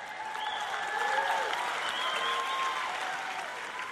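A crowd applauds steadily, many hands clapping in a dense, continuous wash, with scattered shouts and cheers rising above it for the whole few seconds.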